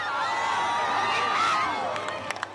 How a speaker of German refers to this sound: Am Strand von Soller hat sich ein Wölkchen davor geschoben. Trotzdem auch dort Jubel und Applaus.